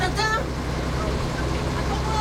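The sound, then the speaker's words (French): A truck's heavy engine rumbles loudly and steadily, a deep continuous drone with road noise, while a brief voice cuts in at the very start. “Attention, un camion.”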